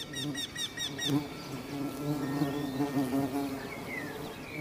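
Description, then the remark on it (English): Bees buzz steadily around the blossoms of old orchard trees, a low droning hum that wavers as they fly about, with faint birdsong chirping in the background. “The old orchard trees have catered to generations of bees and depend on their services.”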